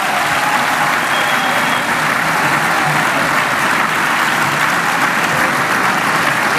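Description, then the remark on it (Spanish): The audience at the Teatro Municipal de Torrevieja, where a contest is held, applauds a presentation by José Manuel Zapata, a dense, even wash of clapping that stays loud and unbroken for several seconds, with no voices heard. “Y el público del Teatro Municipal de Torrevieja, donde se celebra el certamen, pues aplaudió esa ingeniosa presentación de José Manuel Zapata, que está rompiendo un poco con el molde habitual que habían establecido las presentadoras del certamen”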